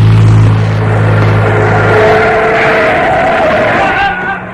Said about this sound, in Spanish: El vehículo arrolla brutalmente al capitán, alejándose a toda marcha.